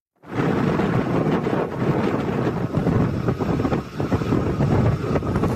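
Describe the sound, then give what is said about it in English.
Heavy wind buffets the microphone in a steady, roaring rush, with the faint mechanical whir of a ship at sea running low underneath. No voices. “Now, those of you with bat-like hearing might have noticed a whirring sound in amongst the wind noise. That's the sound of a vessel at sea.”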